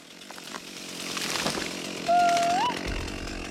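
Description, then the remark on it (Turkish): A chainsaw engine drones steadily while cutting a tree, then revs into a higher, sustained whine for about half a second before settling back to a rough idle. “Rüzgar testeremi tutup kaldırdı.”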